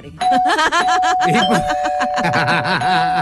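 A doorbell-style ding-dong chime rings with a steady sustained tone, while laughter and chuckling voices play loudly over it for a few seconds.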